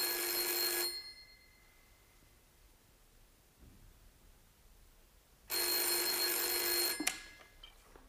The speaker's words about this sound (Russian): Девушка-секретарша, взвинченная царящим вокруг бедламом, нервно отвечает на телефонные звонки.